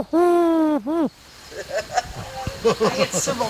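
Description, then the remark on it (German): A person imitates a wood pigeon's coo: one long, loud hooting note, then a shorter dipping one, followed by quieter, busy background sounds. “Ja, ich bin die größte Ringeltaube.”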